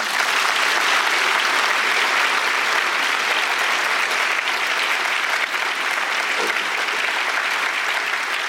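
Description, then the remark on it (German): Sustained applause from a large audience in the Paulskirche in Frankfurt, Germany, a dense, steady wash of clapping hands that stays loud and even throughout with no voices standing out. “Schön, dass das mit dem Applaus geklappt hat.”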